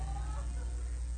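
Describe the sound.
Voices imitate a cat's meow, a short, drawn-out vocal mew with a bending pitch, fairly clear over a low background hum.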